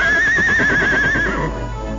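A white horse neighs loudly, a long wavering whinny with a trembling, vibrato-like pitch that trails off into a lower snort.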